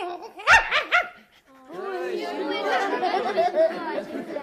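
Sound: puppy barking and whimpering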